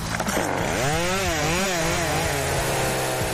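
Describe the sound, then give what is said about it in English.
A plug-in electric chainsaw whines steadily as it cuts into wood for chainsaw carving, its pitch rising and dipping with the load. The sound is loud, running continuously with no voices. “So I went and I bought a chainsaw, just an electric one that you plug in.”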